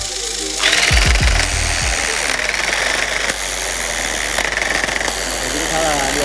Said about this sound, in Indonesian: Kanvas yang sudah berpola kemudian masuk ke dalam tahapan yang paling rumit dan perlu ketelitian, yaitu looming. Agar pengerjaannya cepat, proses looming menggunakan alat modern yang biasa disebut tapping gun atau mesin tembak menang.